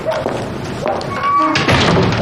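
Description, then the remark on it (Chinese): A door is pushed shut, with a few dull thuds and knocks over a couple of seconds, while faint voices murmur. “哎，关门关门”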